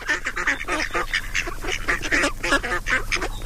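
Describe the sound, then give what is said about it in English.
A busy chorus of ducks quacking, with overlapping harsh calls coming in rapid bursts for several seconds, loud and continuous with a low hum underneath. “Will somebody get these ducks out of here, please?”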